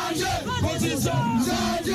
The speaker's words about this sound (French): Sous des acclamations, la foule a décidé d'adhérer à la démarche.